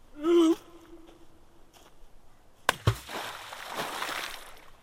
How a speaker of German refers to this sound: Tiefes Wasser schluckt den Stein.